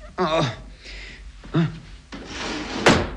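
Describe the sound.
Short voiced exclamations are followed by a laundry drawer sliding open: a second-long wooden scraping rush ending in a brief knock.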